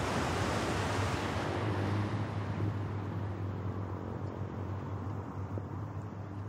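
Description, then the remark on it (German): Steady roar of surf washing onto the beach at Pärnu on a windy day, mixed with gusting wind that rumbles against the microphone. The broad, continuous hiss swells slightly at moments, with no voices. “Der Strand von Pärnu.”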